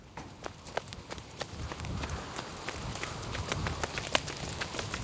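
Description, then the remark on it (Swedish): Quick, irregular footfalls of people running all the way back to a yellow castle in pouring rain, sharp little impacts repeating at a running pace over a steady rumbling background, moderately loud throughout. “Sen springer de hela vägen tillbaka till Gula slottet.”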